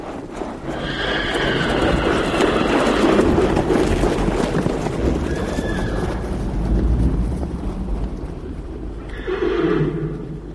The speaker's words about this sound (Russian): Не меньше сотни лошадей с развивающимися гривами и хвостами таким бешеным скоком неслись по лесу, что земля дрожала от топота их копыт.